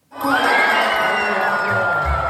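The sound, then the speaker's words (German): A crowd at the 30th traditional pole vault meeting in Hof city centre, Bavaria, bursts into loud cheering and whooping after a brief silence as the winning height of 5.82 metres is cleared under floodlights around 10:30, a sustained roar of many voices with high shrieks mixed in, holding steady throughout. “So klingt es, wenn in Hof die Siegerhöhe beim Stabhochsprung-Meeting überquert wird.”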